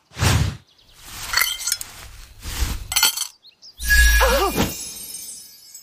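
Coins clink and jingle into a bowl in several bright metallic bursts, with sharp ringing tones that shimmer and fade at the end; no one speaks.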